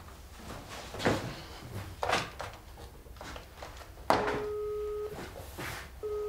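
After some soft clunks and rustling, a telephone ringing tone begins: a steady electronic beep lasting about a second, a pause, then the next ring starting, heard clearly as if through a handset.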